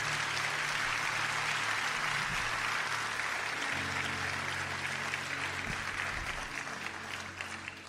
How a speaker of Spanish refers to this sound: Vamos a darle un aplauso muy fuerte al Señor.